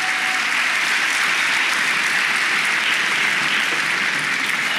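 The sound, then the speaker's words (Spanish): A church audience breaks into sustained applause for the Lord during a Spanish-language sermon, a dense wash of many hands clapping at steady volume through the whole moment, without pause. “Den un aplauso al Señor por eso.”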